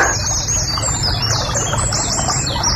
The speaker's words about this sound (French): Ah, la rivière sous le pont, ça peut le faire, ça. Ah, ça peut être joli comme bruitage. La rivière sous le pont.